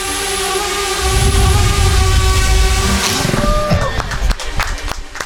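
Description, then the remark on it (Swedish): A laser weapon made by the Finnish-American startup Thordynamics shooting down a drone: a steady, whining drone hum over low rumble for about three seconds, then the tone wavers and breaks into scattered crackles and pops before fading. “Så här låter när det finsk-amerikanska startup-företaget Thordynamics skjuter ner en drönare med ett laservapen.”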